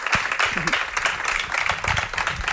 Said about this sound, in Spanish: Larga vida surrealita, a vuestro paradiso, a vuestro Ixí de Xa, y un aplauso para ellas, por favor. Gracias.